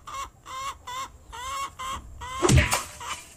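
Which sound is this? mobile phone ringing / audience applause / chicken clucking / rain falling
chicken clucking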